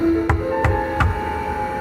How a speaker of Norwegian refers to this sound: Plutselig banket det på døren.